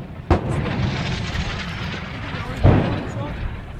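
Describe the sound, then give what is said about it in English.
Two loud, sharp blasts of explosions and gunfire, a couple of seconds apart, in front and behind, near Corioli with a firefight about 100 metres ahead, burst through a dense, constant rumble of background noise, with voices faintly mixed in. “The explosions were in front and behind.”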